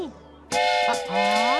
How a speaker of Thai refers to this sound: เอ๊ะฟาฟากำลังทำอะไรเหรอจ๊ะ นี่ครับรถไฟ